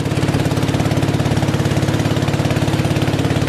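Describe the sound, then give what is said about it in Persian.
A small boat motor chugs steadily with a fast, even putter, loud, running continuously without any voices, as the small boat carries a Buddhist monk and temple dogs along a river to riverside villages to collect offerings. “سگ‌هایی که به همراه راهب بودایی سوار بر قایقی کوچک برای جمع‌آوری نزورات راهی روستاهای کنار رودخانه می‌شوند.”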